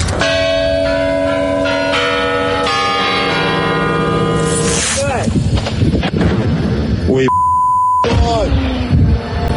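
Ringing, bell-like tones give way to a rapid series of loud booming blasts as an S-400 Triumf missile launcher is destroyed near Kerch in occupied Crimea, broken briefly by a steady electronic beep before more crackling explosions follow.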